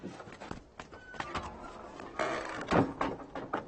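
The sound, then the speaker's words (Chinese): A door is opened: a few sharp wooden clunks and knocks, then a louder scraping, rattling swing, with no voices. “是，开门呐！”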